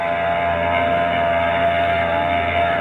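A ship's engine drones steadily and loudly, a constant rumbling hum with a thick mechanical buzz that holds unchanged throughout, with no voices, as the ship Brisbane Star pulls away from its pier at the Embarcadero.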